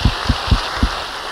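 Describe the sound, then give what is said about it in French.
A crowd applauds the Saint-Curé d'Arras in a steady, dense patter of clapping that sounds almost like rain, with a few soft low thumps at the start and no voices. “Pourquoi on ne lui donnerait pas un applaudissement au Saint-Curé d'Arras, qui est ici comme...”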